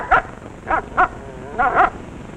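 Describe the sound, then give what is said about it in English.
A dog lets out five short, high-pitched barks and yips in two quick clusters, fairly loud, with brief pauses between them and no voices. “So then our canine queen took command of the situation and said, I'll pawn all of my jewels for a set of those new wide-gap Autolite resistor spark plugs.”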